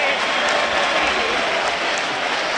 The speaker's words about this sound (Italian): una ola non perfetta, un po' accennata, un po' no, che arriva fino alla curva nord in questo momento con l'applauso relativo del Tardini, perché questa azione è si riuscita a pieno, ovvero la ola sugli spalti.